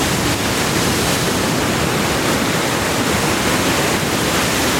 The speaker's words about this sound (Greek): Αυτός ο ήχος της θάλασσας. Αυτό το κύμα που σκάει στην ακτή. Αυτή η ομορφιά του Αιγαίου.